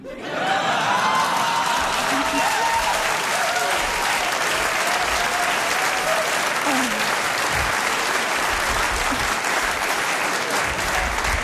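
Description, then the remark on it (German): Steady, dense audience applause at a queer show, with many men among the clappers; many hands clapping at once in a loud continuous wash, with faint cheers and laughter mixed in. “Ich liebe Queer-Shows, normalerweise klatschen da nie so viele Männer.”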